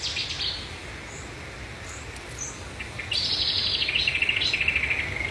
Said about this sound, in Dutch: Vlakbij Natuurcentrum Arnhem. En daar hoort zij een geweldig concert van Setti-zanger, bosrietzanger en ook kikkers op de achtergrond.